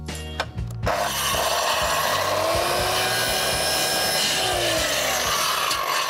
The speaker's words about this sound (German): Wenn du noch einmal so nah an die Säge greifst, während die noch läuft, ne, dann hau ich dir in die Fresse. Da sind sofort die Finger ab.